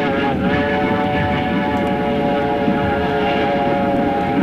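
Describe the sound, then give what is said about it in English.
A steady, loud mechanical roar of a train running along the tracks through the outskirts of Armadale, with a constant droning hum and humming tones that hold unbroken throughout, with no voices. “As the train roared through the outskirts of Armadale”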